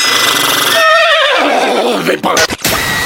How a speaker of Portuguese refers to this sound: Fala, cavalo.